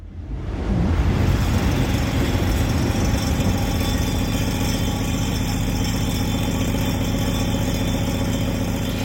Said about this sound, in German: Scheppernder Tisch heißt das Ganze und ich glaube, wir haben da die Bahn, die da vorbei brettert, gehört.